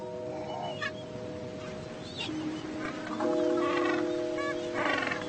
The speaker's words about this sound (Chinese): 一个庞大的巴布亚企鹅群栖息在海滩上方的平原。